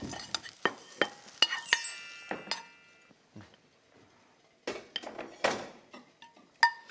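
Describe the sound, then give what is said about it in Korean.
Scraping and clinking of a utensil against a pan or tray as stir-fried shiitake mushrooms, seasoned with salt and sesame oil, are pushed and spread out wide to cool, with irregular taps and scrapes and a quiet pause midway. “식혀주시면 돼요. 예, 이렇게 제가 넓게 펼쳤습니다.”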